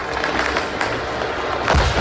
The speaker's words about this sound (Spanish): Sonido de los drones, acciones dirigidas a una instalación de almacenamiento de combustible en la región de Yaroslav, al norte de Moscú, y la planta química Azot en la región de Tula, clave para la fabricación de explosivos.